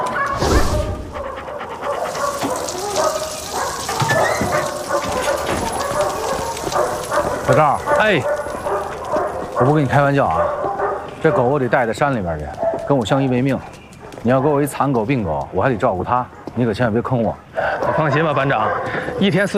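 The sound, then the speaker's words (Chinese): Several dogs bark loudly and almost nonstop, their sharp overlapping barks repeating in quick bursts, with some panting and people's voices mixed into the din. “我不给你开玩笑啊，这狗我得带在山里边去，跟我像一命。”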